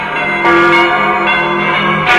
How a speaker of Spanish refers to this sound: con la plaga que estaba matando a miles de personas en Londres, escuchó las campanas anunciar muerte tras muerte.